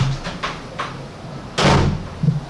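A cupboard door closes with a solid thump, preceded by a few light clicks and rattles of handling and followed by a softer knock.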